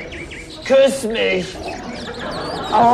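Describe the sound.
Birds chirp softly in the background, a few quick tweets near the start, while a person speaks a short phrase in the foreground.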